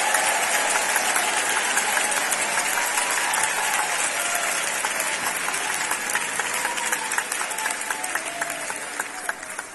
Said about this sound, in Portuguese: Podeis assentar e glorificar a Deus com palmas. Todos glorificando a Deus com palmas.